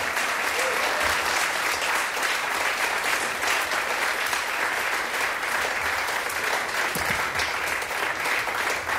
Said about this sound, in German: Applaus.